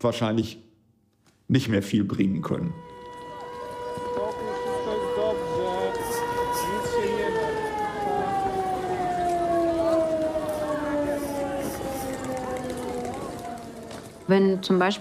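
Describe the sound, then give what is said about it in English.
A civil defense air-raid siren wails loudly and steadily for over ten seconds, its pitch slowly sinking, over a rushing background; brief bursts of speech come just before and after it. “When the sirens go off, every second and every minute counts.”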